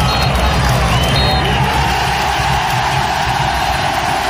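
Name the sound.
stadium crowd cheering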